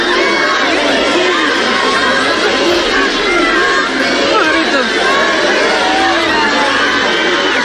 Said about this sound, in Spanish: el que llevó a decenas de miles de ceutíes y de melillenses a echarse a las calles engalanadas para la ocasión, con bandas y con banderas rojigualdas, para recibir a los reyes con toda clase de vítores y con gritos de júbilo y de ¡Viva España!